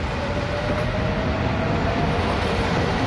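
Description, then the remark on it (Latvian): An electric train rumbles steadily along the rails during a half-hour ride toward a hill, a constant low roar with a faint whine running through it, heard from inside, with no voices. “Pēc pusstundas brauciena ar elektrovilcienu līdz kalnam vēl bija jāiet kājām veselu stundu.”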